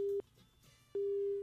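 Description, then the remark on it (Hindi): A telephone busy tone from a dropped call as a listener repeatedly tries to call in to the studio: a steady mid-pitched beep sounding in on-off pulses, the tone cutting out briefly and then resuming, clear with no talking. “जी, श्रोता लगातार जुड़ने की कोशिश में है लेकिन किसी वजह से फोन कॉल कट रहा है।”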